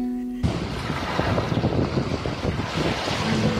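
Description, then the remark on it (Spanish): Strong wind buffets the microphone in a steady roar while surf washes along Playa El Yaque, a beach in Nueva Esparta, Venezuela, with constant winds and a shallow sea. A continuous loud outdoor rush with no voices. “Playa El Yaque, con sus constantes vientos y mar poco profundo, es una playa mundialmente conocida para la práctica del windsurf y el kitesurf.”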